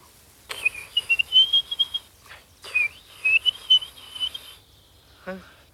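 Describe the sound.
A person whistles a warbling, bird-like melody in two phrases with a short pause between, imitating a blackbird's song, fairly loud, ending with a brief rubbing sound.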